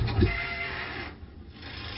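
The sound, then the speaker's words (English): A bridge in Hamburg squeals with a sustained, rasping metallic screech and low rumbling underneath, briefly thinning out before the grinding squeal returns, with no voices. “The squealing bridge.”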